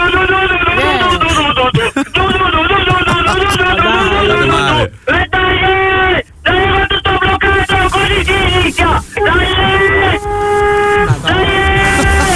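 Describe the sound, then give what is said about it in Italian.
A truck horn honks loudly, a long run of sustained blasts with brief gaps, its pitch shifting partway through into a different blaring tone. “Poi mette una paura, mi mette ansia il clacson del camion, senti così forte.”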